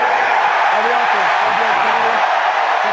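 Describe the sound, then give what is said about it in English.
A dense, continuous roar from a large, heavily Philadelphia-supporting crowd at an American football game between Jacksonville and Philadelphia at Tottenham Hotspur Stadium in London fills the whole stretch at steady loudness, with blurred voices and a few rising shouts woven into the wash of noise. “If you hadn't guessed, by the way, this is quite a heavily favoured Philadelphia crowd base that's here in London today.”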